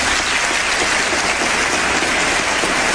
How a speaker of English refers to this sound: Now, that's a lot of applause from Republicans and Democrats. They stood. They don't do that anymore. It's no bipartisanship in Congress anymore. But everybody was in favor of that when Bill Clinton said it in 1997.